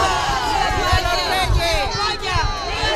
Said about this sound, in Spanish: Pero como decimos, don Felipe y doña Leticia se han dado un baño de masas estos días, vitoreados en la calle por miles de españoles, ceutíes y melillenses.